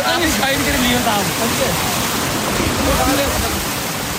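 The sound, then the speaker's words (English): Loud, steady rush of stream water flowing through a spring in Kashmir during a village festival, with crowds of villagers calling and shouting faintly beneath the torrent as they move through the stream with baskets to catch fish. “In the middle of the rushing water and shouting crowds, a villager lifts his basket”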